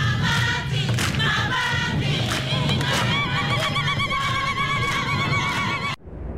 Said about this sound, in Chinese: 耳听，蜜蜂，鸟叫，蛙鸣，心声。